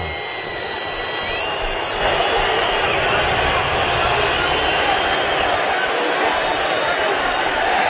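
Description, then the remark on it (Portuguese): A huge stadium crowd of thousands boos Santos for their performance at a football match against Coritiba, with Santos trailing 0–3, in a dense, sustained roar that swells after two seconds and holds loud and steady; thin high-pitched tones ring over it at the very start. “Milhares vaiam o Santos pelo desempenho.”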